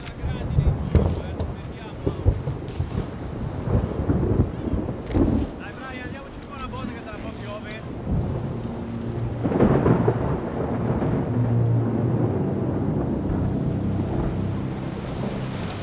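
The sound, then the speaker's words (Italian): A September thunderstorm over vineyards in a Mediterranean climate: deep thunder rumbles and rolls over steady, hissing rain and gusty wind, with sharper cracks early on and a heavier, sustained roll in the second half. “Le viti amano il clima mediterraneo, ma temono le tempeste di settembre.”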